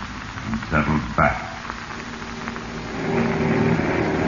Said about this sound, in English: And soon the big plane soared from the field and headed west.